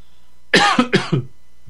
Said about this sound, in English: Let me cough here for a second.